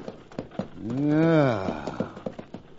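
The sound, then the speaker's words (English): The horses of an approaching stagecoach clip-clop in a steady, quick rhythm of sharp knocks, with a long, loud whinny rising and falling through the middle. “There's a stagecoach coming.”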